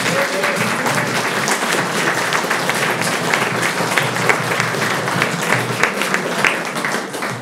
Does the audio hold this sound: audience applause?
yes